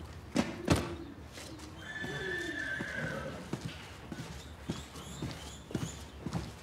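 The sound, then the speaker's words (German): A horse whinnies in a long, wavering call while hooves clip-clop in a loose, uneven rhythm, with a few sharp knocks scattered through. “Du denkst keine Schweinereien, hm? Weil du ein Pferd bist.”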